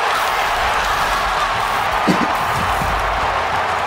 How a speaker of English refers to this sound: Might be the loudest crowd we've heard in a long, long time.